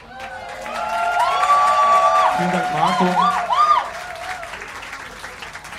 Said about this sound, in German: Und dann würde ich vorschlagen, wir machen noch einen großen Applaus für den Marco am Licht.